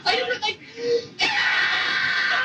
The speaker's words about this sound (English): That's me screaming. Like, out or something. Just like, what are you doing?